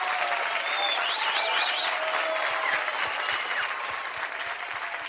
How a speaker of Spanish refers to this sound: El aplauso para Wendy.